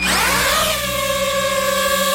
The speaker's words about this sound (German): Ja, Drohne, eine kleine, eine, wo man aus der Luft filmen kann, wo man fotografieren kann. Das Geräusch, das ist ein bisschen mühsam und auch die Drohne selber, die kann mühsam sein.